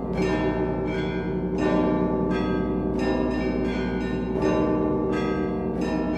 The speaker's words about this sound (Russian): Искусный звонарь один и тот же звон нередко исполняет по-разному, меняет его структуру, заставляя слушателей воспринимать его с неослабевающим вниманием.